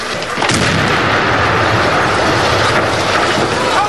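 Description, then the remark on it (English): A short-fuse demolition charge placed against the sill of an embassy balcony explodes loudly early on, followed by several seconds of heavy roaring, crackling noise that stays strong throughout with no voices. “As they reach the balcony, one places a short fuse demolition charge against the sill.”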